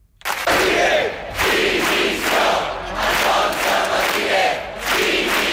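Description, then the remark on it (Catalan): Protesters in Palma, Mallorca, shout together at midday against police charges, in loud, rhythmic chants, the voices rising in repeated bursts roughly every second with brief dips between them, sustained and energetic throughout. “Aquests són alguns dels crits que s'han sentit aquest migdia a Palma en contra de les càrregues policials que hi va haver a la manifestació de diumenge contra turisme massiu.”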